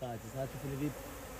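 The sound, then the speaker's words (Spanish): Bees kept for beekeeping in a mangrove forest buzz in a continuous, wavering drone, their hum rising and dipping in pitch, with no voices present. “acabaría siendo picado y ahuyentado por las abejas.”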